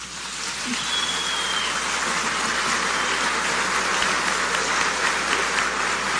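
An audience applauds steadily for several seconds, a dense, even crackle of many hands clapping that swells in quickly and holds at a constant loud level, with no voices over it.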